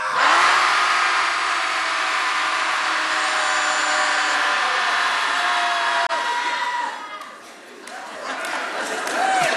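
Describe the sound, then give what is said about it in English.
A group of people shouting together at full volume on a count of three, one sustained, raw roar of overlapping voices that holds for several seconds before breaking up into scattered fading yells. “So when I'll say 1, 2, 3, and then we'll all just let it out.”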